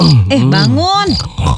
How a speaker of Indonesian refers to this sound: Ih, kamu tuh tidurnya ngorok.